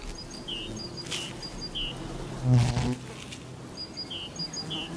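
Bees drone steadily in a low hum around pussy willow catkins, swelling as one passes, while small birds chirp faintly in the background.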